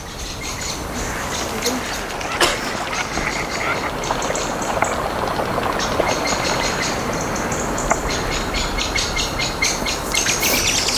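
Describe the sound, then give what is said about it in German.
Birds chirp and twitter continuously in the upper range, several calls overlapping over a steady low rumble of wind or engine noise, with faint voices in the background. “Oh, die Vögel.”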